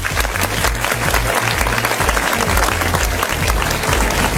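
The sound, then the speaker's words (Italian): A crowd claps steadily and loudly in applause for DJ Christian Redox on the Studio Q dance station party show, a dense crackle of many hands with no pause, while a deep, pulsing bass line thumps underneath. “Facciamo un applauso a DJ Christian Redox.”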